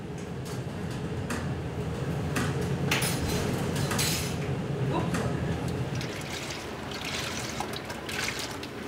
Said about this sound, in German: Die Bad Düben ist kurz vor der holländischen Grenze. In der Kombüse wird das Mittagessen vorbereitet, bei 4 Meter Welle.